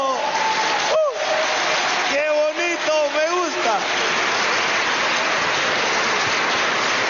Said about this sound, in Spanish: Eso, qué bonito, mira qué bonito, aplauso.